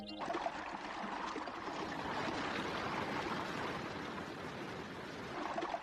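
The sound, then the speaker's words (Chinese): Water from a waterfall at Huanglong rushes and splashes in jade-white streams into the pools below, a steady, dense roar that fills the scene from start to finish, with no voices and no breaks. “伴随着飞珠溅玉般的水声，瀑布化作一条条玉色的白链，交错着流泻而下，注入采芝。”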